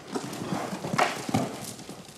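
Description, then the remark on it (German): A horse walks with slow, heavy hoofbeats, a steady clip-clop of several broad strides as it is led on a rope, with faint background noise around it. “Große Schritte, nach vorne gehen, große Schritte.”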